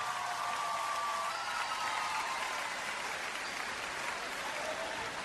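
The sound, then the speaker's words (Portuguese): A crowd applauds steadily for about five seconds, a dense, even wash of many hands clapping at once with no pauses or swells. “Uma salva de palmas, faz favor.”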